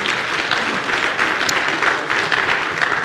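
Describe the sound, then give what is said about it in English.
An audience gives the Lord a hand clap, clapping together in a dense, steady burst of applause, many hands overlapping into a loud, continuous patter with no talking over it. “Let's give the Lord a hand clap, would you please?”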